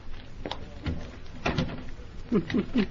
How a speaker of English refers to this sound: Now, just a moment while I unlock the door. Turn on the lights and close the door.